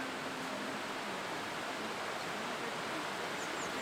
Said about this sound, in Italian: Le acque rumoreggiano rispettose